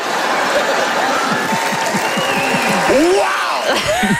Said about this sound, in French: Hey, des applaudissements pour des blagues de religion et de système de santé. Wow.